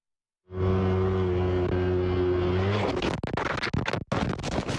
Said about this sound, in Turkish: Virajı dönerken kontrolü kaybetti. Kayan motosiklet devrilip yoldan çıktı.